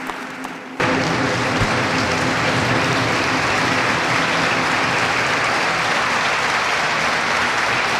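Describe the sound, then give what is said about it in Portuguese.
A large audience bursts into loud, sustained applause after a brief quiet moment, the dense clapping holding steady without letting up. The applause follows a speech at a LIVRE party event, with Rui Tavares applauding from the front row. “Grande aplauso agora, aplausos também de Rui Tavares, que está na primeira fila, desce por fato de porta-voz, mas mantém o lugar nesta direção do LIVRE”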